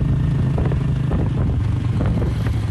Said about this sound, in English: rides her motorbike from her home to her farmland, where she grows durian and bananas.